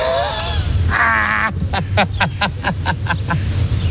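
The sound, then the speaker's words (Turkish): Harsh bird calls, like crows cawing, ring out loud overhead, followed by a quick rhythmic run of sharp repeated bursts over a low rumbling background. “Oha, koskoca yerde beni mi buldu bu kuşlar ya?”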